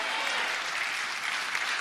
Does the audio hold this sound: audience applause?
yes